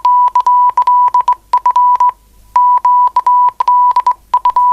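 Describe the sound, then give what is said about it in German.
Morse code beeps: a single steady mid-pitched tone keyed on and off in quick short and longer bursts, loud and alone, with one brief gap partway through. “Wenn der Partner allzu unbeholfen am Morse-Taster ist, wird der andere etwas frecher.”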